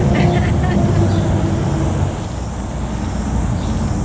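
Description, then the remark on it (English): Steady, loud rumble of cars and bikes passing on State Highway 53 in the Wairarapa, engines droning continuously, with faint indistinct voices mixed into the noise. “So, and also cars and bikes, as you can hear.”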